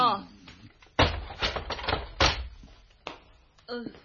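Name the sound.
door being opened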